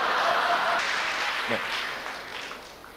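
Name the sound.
audience applause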